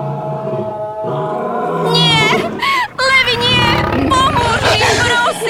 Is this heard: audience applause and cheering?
no